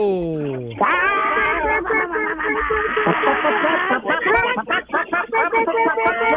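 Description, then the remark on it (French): Contest participants loudly imitate clucking hens all at once, a dense chaotic mix of squawking, warbling voices that continues throughout, with a brief rising whoop at the start. “Puis à mon signal, vous allez tous jaser comme des poules.”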